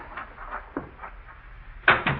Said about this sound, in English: Mr. Keene, someone just come into the house. I heard the front door close.